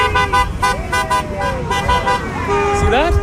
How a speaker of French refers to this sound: Vous voyez, le conducteur qui vient me klaxonner est philippin.